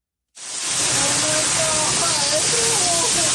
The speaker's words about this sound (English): Shouts of panic and fear as … and her family helplessly watch a virtual river rush towards their St. Catharines, Ontario property.